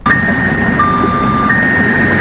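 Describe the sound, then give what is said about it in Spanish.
The alarm of a parked car wails steadily through the night, sounding for more than half an hour, its electronic tone switching between two pitches, heard over a constant background rumble with no one speaking. “El señor irá, dejó el carro estacionado y toda la noche se pasó con la alarma el carro.”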